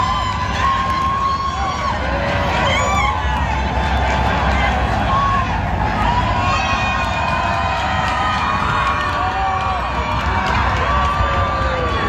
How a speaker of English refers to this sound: Our team scoring for a fourth time, leading 4-0 against Qatar. Here's another deafening roar from the home crowd outside of BC Place.